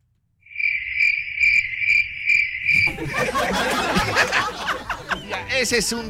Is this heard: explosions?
no